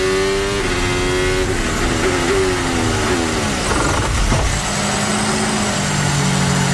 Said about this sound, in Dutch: Moet hem ook nog even snel door de versnellingen gaan om af te remmen.